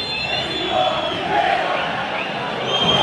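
A dense stadium crowd of Racing fans roars steadily at a football match while shrill, sustained whistles pierce through in a loud protest at referee Yael Falcón Pérez, the jeering swelling slightly as it goes on.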